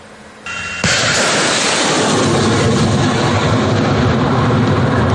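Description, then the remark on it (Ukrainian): A rocket launches from an American HIMARS multiple rocket launcher, operated by artillerymen of the 32nd Separate Artillery Brigade on the southern front, with a sudden loud blast, followed by a sustained, roaring hiss of rocket exhaust that stays powerful throughout, with no voices. “Від його вигляду та звуків окупантів стигне кров. Це реактивна система залпового вогню «Хаймарс».”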